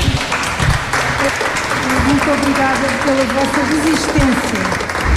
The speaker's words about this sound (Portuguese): Quatro núcleos com muitas histórias, a visita termina com palmas.